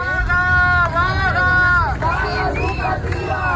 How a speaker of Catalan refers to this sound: Així sona aquesta hora la ronda litoral de Barcelona, on un grup de mestres ja està tallant la carretera.